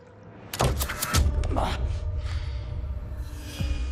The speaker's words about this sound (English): Arriving back at his hideout, Ryder slides the metal door shut, takes off his jacket and pours himself a glass of liquor.